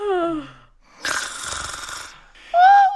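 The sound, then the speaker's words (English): Loud snoring, performed by a voice imitating it: a descending wheezy tone, then a long raspy rattling inhale, followed by a whistling high-pitched exhale, alone. “the two queens fell fast asleep with their heads in Alice's lap, snoring loudly”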